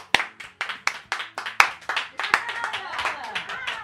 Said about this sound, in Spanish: Vaya bien que aplaudes, chaval. A vero. Vaya bien que aplaudes. Vaya manos, chaval. Aplaude.